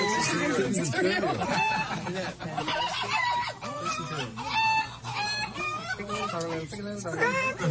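A crowd of chickens clucks and squawks continuously, their overlapping calls loud, forming a busy, chattering barnyard din with no pauses.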